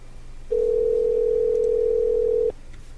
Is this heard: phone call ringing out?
yes